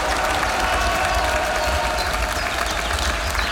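A crowd of Svoboda party members applauds steadily for a few seconds at the party's picnic in Sjenca, dense overlapping clapping forming a loud, continuous wash of noise with faint cheering mixed in.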